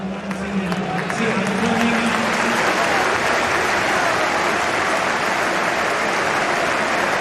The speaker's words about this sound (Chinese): 弗莱明的表现很努力，得到了现场的主场球迷的掌声。